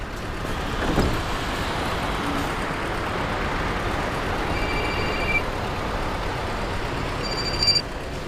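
Steady, loud rumble of a train moving through a station, with a short high-pitched tone midway and brief whistle-like beeps near the end; no one speaks.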